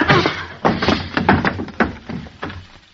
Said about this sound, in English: Jeepers. What'd you hit him with the chair for, Molly?